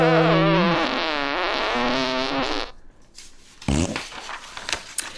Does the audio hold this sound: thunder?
no